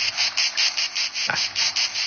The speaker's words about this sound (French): Les cigales. Les petites cigales, voilà, ouais. Les crickets, ouais.